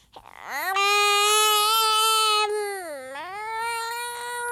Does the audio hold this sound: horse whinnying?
no